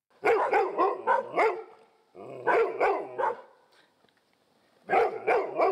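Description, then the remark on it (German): Dogs in Rheinbeek, Kreis Stormarn, bark loudly in three rapid bursts of several sharp, overlapping barks each, separated by short pauses, raising the alarm over burglars in the area. No one speaks. “Die Vierbeiner in Rheinbeek bekommen jetzt wohl jedes Mal ein Leckerli, wenn sie Alarm schlagen.”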